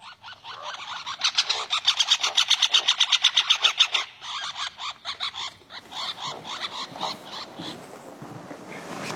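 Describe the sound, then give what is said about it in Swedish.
Two woodpeckers on the same tree trunk trade rapid, harsh chattering aggression calls in an interaction, recorded in Västerbotten by Lars Edenius. A fast run of repeated notes comes first, then looser, scratchy bursts overlap each other, with no talking. “Här finns flera inspelningar av trumning, drumming, men också andra läten, aggression call, interaction. En sorts interaktion mellan två fåglar på samma trästam.”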